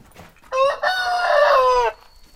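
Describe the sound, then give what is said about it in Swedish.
A rooster crows once among hens, loud: a short opening note, then a long, strained, harmonic-rich cock-a-doodle-doo lasting over a second, with quiet farmyard background and no talking. “Ja, det är ju ett av hans stora arbetsuppgifter att skapa mera höns.”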